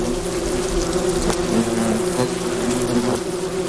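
Worker hornets buzz at their nest, where they chew up prey's flight muscles and feed them to the larvae, in a steady, dense drone, several low overlapping tones humming continuously at an even, fairly loud level with no voices.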